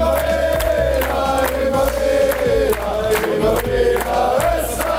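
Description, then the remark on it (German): A large crowd practises cheering for the World Cup, shouting together in a loud, sustained roar, with rising bursts of yelling and chanting voices throughout. “Das Jubeln können wir aber jetzt schon mal üben, oder?”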